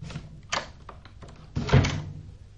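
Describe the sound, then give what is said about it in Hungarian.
A door swings closed on its own once the handle is let go, with a few light knocks and rattles before a heavier thunk as it shuts, no voices present. “Ugyanis egy tenyérjós, azt mondta nekem az egyszer, az ajtó hogy... önmagától becsukódik, mihelyt elengeded a kilincset.”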